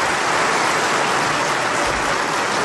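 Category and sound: crowd, parliament members applauding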